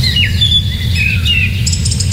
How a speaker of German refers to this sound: Ach Leute, für mich gibt's fast keinen schöneren Sound am Morgen als so Vögelgezwitscher.